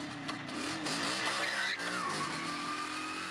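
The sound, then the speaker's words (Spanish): A motorcycle engine roars to life and revs hard, its whining pitch climbing and then sliding down as it speeds away, kicking up a huge cloud of dust, loud, with no voices. “el tío arrancó la moto y levantó una gigantesca polvareda.”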